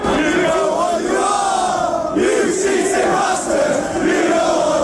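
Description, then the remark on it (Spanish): A large football crowd inside Anfield stadium in England chants a hostile chant in unison, calling the rivals cheats ('we know what you are, cheating bastards'), a loud, sustained wall of voices rising and falling in a rhythmic, repeated melodic phrase with no break. “En los aledaños de Anfield se escuchó y se leyó mucho la palabra cheat, trampa en inglés, y la hostilidad se trasladó adentro del estadio con globos con el número 115 y cánticos como este.”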